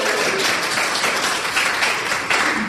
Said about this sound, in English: Big round of applause.